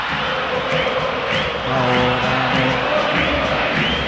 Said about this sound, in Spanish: El himno de Qatar. Cómo la cantamos, ¿eh? En el subte, en las canchas, en las calles, para la eternidad, ¿eh?